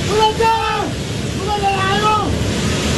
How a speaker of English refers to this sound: Videos emerging from the Himalayan border region depict scenes that look like something out of a sci-fi movie. This one shows a towering mass of mud and rock tumbling into a river, triggering a torrential flash flood.